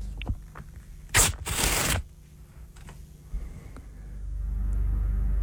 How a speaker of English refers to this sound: I'm going to rip some paper. I've got a little bit of a... Like, it's more than one, I will say. Okay. You've got to tell me how many pieces of paper I'm ripping.